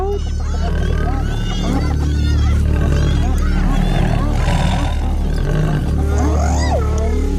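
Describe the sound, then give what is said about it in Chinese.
A pride of lions on the African savanna charges at spotted hyenas, roaring and snarling in a loud, continuous chorus of deep, rumbling growls, with higher yelping and whooping calls mixed in throughout the commotion. “嘿，快看，其他狮子过来了。”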